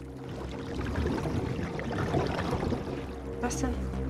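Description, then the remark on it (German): Carp splashing in shallow lake water near the shore: a steady wash of sloshing and trickling over a low rumble, with one sharper, brighter splash near the end. “Ja, da im Wasser. Das waren Karpfen. Um die Zeit kommen die in Ufernähe.”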